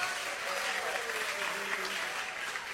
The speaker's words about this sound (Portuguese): Vamos aplaudir Jesus bem bonito. Vamos aplaudir Jesus bem forte. Adore a Ele com as palmas.